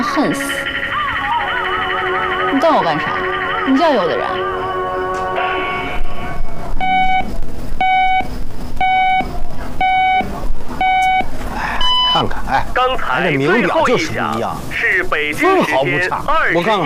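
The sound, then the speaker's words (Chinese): A radio time signal marking 21:00 Beijing time: five short, evenly spaced mid-pitched beeps a second apart, then one longer, higher beep marking the hour, with people talking before and after. “刚才 这名表就是不一样， 是北京时间 分毫不差。 21点整， 看看， 真准。”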